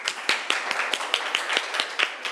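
A group claps in a steady patter, with sharper individual claps popping out roughly every fifth of a second. The applause holds at a moderate level throughout, and nobody speaks.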